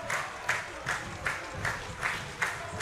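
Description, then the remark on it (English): A baseball crowd at a Racers game claps in a steady rhythmic beat, about two claps a second, over a constant roar of cheering and murmuring voices across a large stadium, as the Racers' go-ahead run bats in the bottom of the seventh. “Listen to this crowd.”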